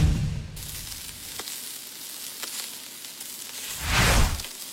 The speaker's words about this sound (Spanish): Cree que está chillando ahí. Está la carnita ya, para que se antoje.